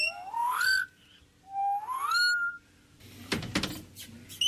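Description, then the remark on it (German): At Vogelpark Niendorf, in an aviary with small bushes, birds perched on the branches sing: two rising, whistled calls with bright overtones sound one after another, followed by a short burst of scratchy rustling and clattering. No one speaks. “steht in einer Voliere mit kleinen Büschen, auf deren Äste Vögel sitzen und singen.”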